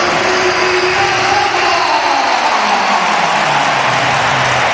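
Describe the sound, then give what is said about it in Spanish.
A large football crowd at the Santiago Bernabéu roars in ovation for Cazorla as he steps onto the pitch, a dense, steady wall of cheering and applause that stays loud and unbroken for the whole few seconds. “pero ayer os voy a poner un sonido de qué ovación le brindó en el momento de que saltaba el césped del Santiago Bernabéu Cazorla.”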